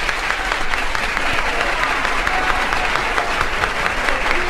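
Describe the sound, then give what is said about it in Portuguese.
Sustained applause from a large crowd on a record, called the longest round of applause in recording history, a dense steady wash of clapping that holds at an even loudness throughout with no voices rising above it. “A salva de palmas mais longa da história do disco.”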